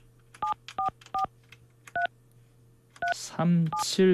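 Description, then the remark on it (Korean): Telephone keypad dialing tones as a phone call is placed again to connect to a caller: four crisp, evenly loud beeps in a halting rhythm, a pause, then more tones as a man starts talking over them, all above a low steady hum. “자, 다시 한번 전화 연결해 봅니다.”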